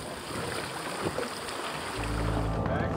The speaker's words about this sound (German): Unser Boot legt ab und das Schiff der Athleten legt an.